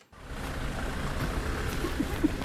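A steady low rumble of a car driving to the outskirts of Slovyansk, with continuous road and engine noise throughout and no speech.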